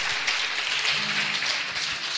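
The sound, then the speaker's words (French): An audience applauds the Holy Spirit, a dense, steady wash of many hands clapping with no clear individual beats, sustained at an even level throughout with faint low murmurs underneath. “Merci, on applaudit le Saint-Esprit.”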